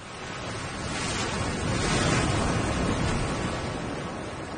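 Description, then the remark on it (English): Ocean waves wash onto a beach in a continuous, full-bodied roar that swells to a peak midway and then eases slightly, with a breezy rush over it and no voices. “On the beach, we put on our wetsuits and got ready to go out into the water.”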